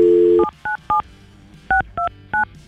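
A phone line tone cuts off, then six short touch-tone beeps sound as a radio show dials a listener's phone number: three quick ones, a pause, then three more, clear.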